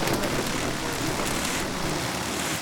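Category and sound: nature, river water flowing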